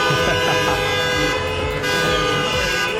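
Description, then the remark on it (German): Several car horns honk continuously and overlap in a loud, sustained blare, with traffic noise rumbling underneath throughout, from a victory motorcade of cars circling through Talstraße past Christian-Weber-Platz in Homburg's city centre after a public viewing of a 7:1 win. “Die Innenstadt war komplett voll mit Autos nach dem SR1 Public Viewing. Die sind immer wieder durch die Talstraße durch”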